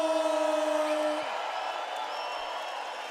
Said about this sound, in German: Applaus für eine absolute Legende von vielen heute, aber eine im schönsten Outfit.